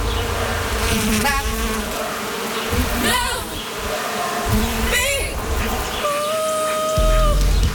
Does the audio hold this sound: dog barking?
no